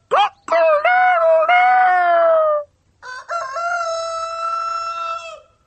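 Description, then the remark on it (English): A farmyard rooster crows twice in a row, each call a loud, drawn-out cock-a-doodle-doo lasting a couple of seconds, with a brief pause between them. “"I am a cook, a farmyard cook. How do you doodle do?”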